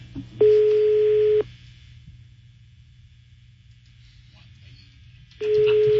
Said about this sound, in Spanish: A ver, está sonando el teléfono, a ver si contesta. Está sonando el teléfono. Me está sonando.